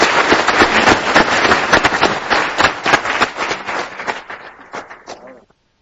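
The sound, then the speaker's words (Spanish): An audience breaks into warm applause welcoming the International Pro Life Commission at a celebration, a dense, steady crackle of many hands clapping that holds strong for several seconds, then thins out and stops. “Estamos muy contentos por ello, le damos la más cordial bienvenida y con un caluroso aplauso que se merecen.”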